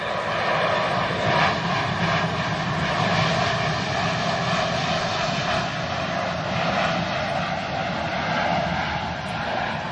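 A loud, steady airplane engine roar at a new wetlands right next to an airport fills the whole stretch, a broad rumbling drone with a faint whine on top that holds at an even level without pause.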